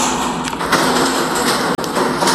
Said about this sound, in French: on a un souci avec la trappe qui donne accès à l'éolienne, qui fait un boucan pas possible, donc je vais vous faire écouter. Le bruit quand il pleut.